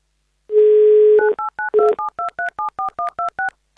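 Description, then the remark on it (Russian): A steady dial tone gives way to a quick run of about a dozen touch-tone beeps, each a short two-pitch chirp, as the Avtoradio station dials a listener's phone number for its on-air game "Много денег". No one speaks. “В общем, мы вам звоним.”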